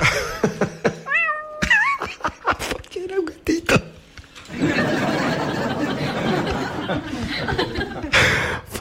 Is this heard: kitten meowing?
yes